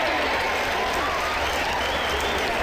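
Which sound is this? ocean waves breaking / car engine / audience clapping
audience clapping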